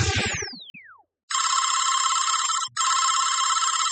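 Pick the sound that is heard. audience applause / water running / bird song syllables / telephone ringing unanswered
telephone ringing unanswered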